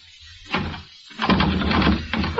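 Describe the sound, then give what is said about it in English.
A bolted door is rattled by its doorknob in several short, clattering bursts, shaken hard against its lock with brief pauses between the attempts. “The door's bolted, you dope.”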